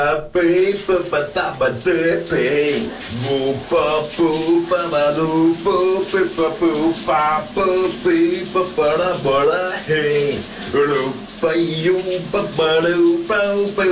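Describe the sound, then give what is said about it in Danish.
A man sings a wavering melody under a running shower over the steady hiss of the water, his voice loud and continuous, going into falsetto toward the end. “Han har altså mange talenter under den bruser.”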